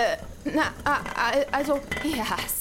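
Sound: dishes and cutlery clattering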